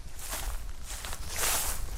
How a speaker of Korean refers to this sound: 갑자기 풀떼 꺾어지는 소리가 나더니 뒤이어 누군가의 발자국 소리가 났다.